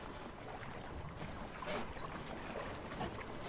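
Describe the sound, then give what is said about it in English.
A small white eight-seat sailing boat made of heavy plastic out on the water, with a steady wash of water and wind noise buffeting the microphone throughout and no one speaking. “It's a sailing boat, all white, with 8 seats.”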